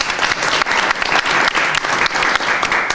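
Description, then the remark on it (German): An audience applauds steadily, many hands clapping in a dense, loud, continuous patter with no voices standing out. “Auch einen herzlichen Applaus für dich.”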